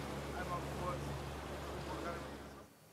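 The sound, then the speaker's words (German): A motorboat engine drones steadily with rushing water and wind noise, holding a constant low hum for a few seconds before cutting off abruptly, as a team member is sent off in the boat. “Also darauf würde ich noch mal ein Auge drauf haben und meine Truppe gleich informieren, dass sie noch mal vielleicht jetzt aber mit dem Boot dahin fahren.”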